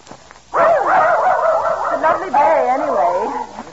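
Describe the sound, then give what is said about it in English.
A dog named Prince barks and yelps in a continuous, wavering run of sound lasting about three seconds, loud and alone with no talking over it, at an old house on a cliff. “why did you have to bring that dog along? He's off again.”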